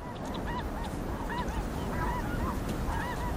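A flock of geese honks continuously, overlapping calls rising and falling in a busy chorus over a steady low rumble of background noise, with no voices present.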